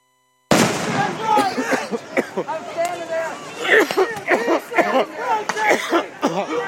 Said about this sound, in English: They shoot them. They shooting the rubber bullets.